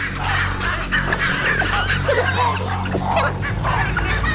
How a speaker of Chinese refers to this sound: 狒狒因为其他事情发出了警报。